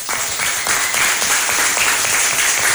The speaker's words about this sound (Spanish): Bueno, no me cansaré de felicitar a los participantes. Ellos han hecho un esfuerzo muy grande y todos son ganadores. Un aplauso para ellos.